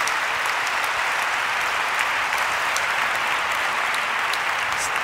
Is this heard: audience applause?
yes